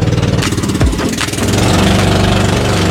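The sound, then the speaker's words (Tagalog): A motorboat engine runs loud as people ride the boat, a steady rumbling drone with a throbbing mechanical pulse that holds unbroken throughout, with no voices. “At dahil nga ibang level to, talaga namang sasakay tayo ng bangka.”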